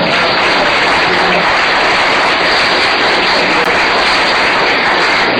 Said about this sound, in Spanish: Ese aplauso.